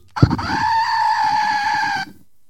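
A single loud, drawn-out goat bleat sound effect used as a show instrument, lasting about two seconds, a strained, nasal cry with a steady pitch and a faint wobble underneath, heard on its own with no talking.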